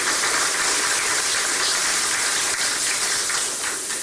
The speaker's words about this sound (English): And we are grateful for your leadership. I think you need a big round of applause.